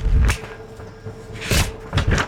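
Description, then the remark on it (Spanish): Pages of a book being turned while it is read: a few crisp, papery swishes and rustles in quick bursts, the first with a soft thump, then two more close together near the end, with no one talking. “Nos quedamos conociendo un poquito más a Scorpion, así que sigamos leyendo por acá, que hasta quiero que escuchen en las hojas.”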